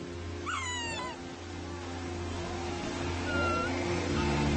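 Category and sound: animal, sea lion pup calling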